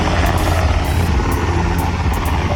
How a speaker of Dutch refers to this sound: Ja, op dit moment zijn er volgens de krijgsmacht te veel regels die een goede voorbereiding op oorlogssituaties belemmeren. Zo mogen helikopters vaak niet laag genoeg vliegen, vindt Defensie.